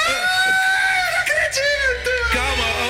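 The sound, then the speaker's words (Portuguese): A woman screams inside a church in sustained, high-pitched, wavering cries that stay loud for the whole stretch, with brief catches of breath between them. “bicha entrou na igreja e começou a gritar. Ela começou a gritar.”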